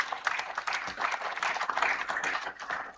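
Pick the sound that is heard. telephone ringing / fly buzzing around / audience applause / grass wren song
audience applause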